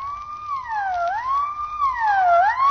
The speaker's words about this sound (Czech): To víte, sanitka po městě jezdit musí a bez houkání se to neobejde.